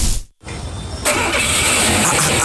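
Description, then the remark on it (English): A car engine cranks briefly, cuts out for a moment, then catches and settles into a loud, steady rumble, with no voices. “What's going on here? Charlie, did you buy a new car?”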